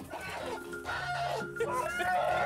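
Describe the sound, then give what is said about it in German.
A rooster, Hartmut, a large fighting-breed cock being caught, clucks in short, harmonic bursts, steady and moderately loud, with some background rustle and no clear speech. “Das ist unser Hahn, der Hartmut.”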